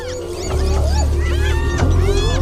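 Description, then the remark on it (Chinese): A lion behind the grass growls in a deep, steady rumble throughout while spotted hyenas that have cornered it call over it with loud, high, rising and falling whoops and yelps. No one speaks. “斑鬣狗把狮子逼到了角落里。”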